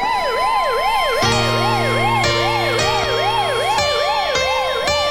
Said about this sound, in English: Ambulance for Jude Bellingham. Not really.